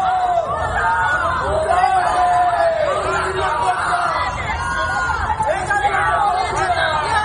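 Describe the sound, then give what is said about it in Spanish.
A crowd shouts 'traitor' and jeers continuously at Spanish Interior Minister Fernando Grande Marlaska on his visit to Ceuta, many overlapping raised voices forming a loud, steady hubbub with occasional louder individual cries rising above the noise. “El ministro del Interior, Fernando Grande Marlaska, ha vuelto a visitar Ceuta, donde ha sido recibido con gritos de traidor.”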